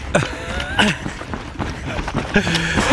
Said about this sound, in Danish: Og Niklas spurter. Ja. Han løber, han har gang i den.